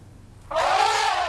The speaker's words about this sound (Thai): เด็กๆปลายทางคิดว่าเป็นตัวอะไรคะ ช้าง ช้างใช่ไหมลองมาดูซิว่าใช่หรือเปล่า1 2 3หุ้ยถูกต้องด้วย